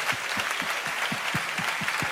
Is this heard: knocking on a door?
no